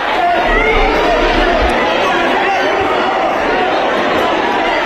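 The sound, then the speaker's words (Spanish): A dense crowd at Madrid's Barajas airport welcomes arriving Spanish activists with steady clapping and overlapping shouts of 'valientes' and cheers, a loud, continuous wall of voices and applause that never lets up across the few seconds. “Y así, con aplausos y grito de valientes, fueron recibidos en Madrid, en Barajas.”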